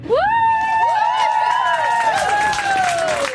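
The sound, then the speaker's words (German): A crowd of children clapping and cheering at a parade, greeting government councillor Mustafa Atici, with a loud, sustained high-pitched whoop riding over steady applause and excited chatter. “Mit denen auch der Regierungsrat Mustafa Atici, der von den Jungen mit einem Applaus begrüßt wird.”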